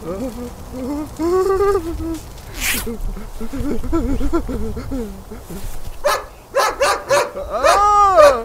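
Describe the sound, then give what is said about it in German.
A German shepherd growls and snarls while standing in front of a man it has let go of, with whining yelps early on, then bursts into a loud, rapid volley of barks near the end. “Der Schäferhund ließ von dem Mann ab, blieb aber knurrend vor ihm stehen.”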